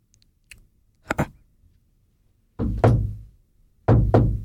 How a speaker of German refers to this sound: Hörst du etwas? Ich glaube, es hat geklopft. Jetzt kommt irgendetwas rein.